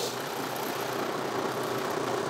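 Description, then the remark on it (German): A six-cylinder engine rumbles steadily at idle, a continuous low burbling drone with no pauses or voices. “Da bollert da der 6-Zylinder.”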